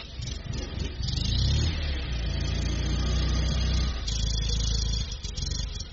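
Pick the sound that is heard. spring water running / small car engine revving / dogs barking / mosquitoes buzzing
small car engine revving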